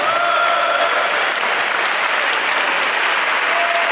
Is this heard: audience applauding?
yes